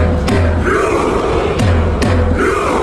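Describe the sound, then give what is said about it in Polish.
A loud crowd of Norwegian football fans, making rowing motions after a World Cup match win, chants in unison, their voices rising and falling, punctuated by a few heavy, evenly spaced drum beats struck by Haaland to set the rhythm. “I po meczu to on uderzał w bęben, nadając ton wiosłującym kibicom, którzy zmierzali już w stronę ćwierćfinału.”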